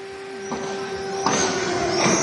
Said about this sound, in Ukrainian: Як можете чути, зараз лунає повітряна тривога.